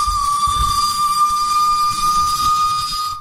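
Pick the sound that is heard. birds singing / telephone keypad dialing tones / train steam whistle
train steam whistle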